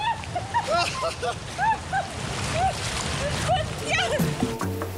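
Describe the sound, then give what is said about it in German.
A fast, slippery canyon river current rushes and splashes in a steady, loud wash of water during a canyoning tour, with short rising and falling voice-like calls sounding over it. “Boah, ist das rutschig hier. Die Strömung ist unfassbar.”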